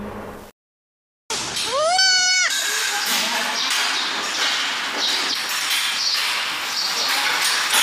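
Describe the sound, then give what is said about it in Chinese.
A young cloned dairy goat kid, one of six super-high-yield somatic cell clones born at a dairy goat industry research institute test base in Fuping, Weinan, China, lets out one loud, quavering bleat after a brief silence, then a steady wash of busy background noise carries on to the end. “从渭南富平乃山羊产业研究院试验基地传来好消息，6只超高产体细胞克隆乃山羊顺利诞生。”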